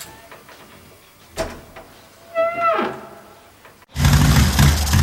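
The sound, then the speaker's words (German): A door with its security chain fastened is carefully eased open: a soft knock or clack, then a drawn-out, rising hinge creak, before a sudden loud wash of rushing noise cuts in at the end. “Heike hängte die Kette vor die Tür und öffnete sie dann vorsichtig.”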